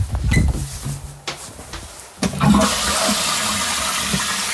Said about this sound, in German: Das war's, meine Klospülung.